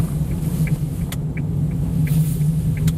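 A small Japanese car drives along mountain hairpin bends in the Verzasca Valley, with a steady engine rumble and road drone, punctuated by a few faint ticks and clicks, with no one speaking.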